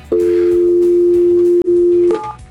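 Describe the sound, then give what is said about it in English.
A steady telephone dial tone hums loud for over a second, cuts out briefly, resumes, then gives way to a quick burst of touch-tone dialing beeps as a phone call is placed. No one speaks. “All right, well, let's get this big lug on the phone.”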